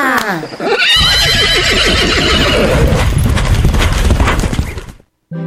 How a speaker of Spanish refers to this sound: Esos caballos salieron corriendo en ese campo con el carro saltando y rebotando detrás.